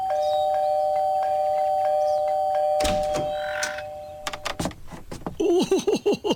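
An electric doorbell at No. 126 Park Lane buzzes in a long steady ring, followed by a flurry of quick, repeated chimes and clunks as a child jabs the button over and over, fairly loud.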